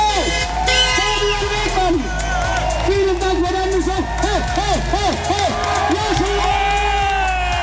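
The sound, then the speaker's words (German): A large festival crowd of RTS Deutschland cheers loudly and without pause, many voices whooping and shouting at once, with rising and falling yells and a few horn-like toots in the dense roar. “Und wie krass gut die war, das können wir uns jetzt mal anhören.”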